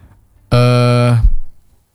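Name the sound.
train horn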